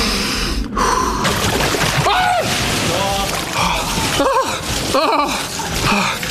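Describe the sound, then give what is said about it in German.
Water sloshes and churns steadily while a person lowers into an ice tub, going under up to the shoulders, letting out several sharp, strained gasps and shaky breaths over the splashing. “Du musst runter mit dem ganzen Schulter unter Wasser.”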